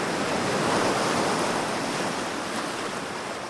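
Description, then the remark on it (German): Steady surf washes onto a beach, a broad, continuous hiss of breaking waves with a gentle swell near the start, fairly loud, with no voices. “Und wenn da, wo ich gerade am Strand sitze, das Wasser weg ist, dann ist gerade woanders auf der Erde sehr viel Wasser.”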